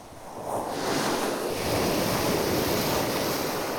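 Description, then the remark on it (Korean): Waves wash steadily over the round pebbles (mongdol) of Sinmyeong beach in Ulsan, a continuous loud rushing hiss with gritty rattling of stones underneath, swelling slightly after the first half second and holding strong with no voices. “파도와 몽돌이 만들어내는 소리 다채롭고 신비롭기까지 합니다.”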